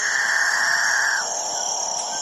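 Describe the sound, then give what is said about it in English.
Several male capuchinbirds, South American cotingas, call together in a dawn chorus in the Guyanan jungle, a steady layered drone of overlapping tones with a bright hiss above, one strong tone fading out partway through. “It's the dawn chorus of male capuchin birds, one of the most bizarre members of one of the most bizarre bird families in South America, the catingas.”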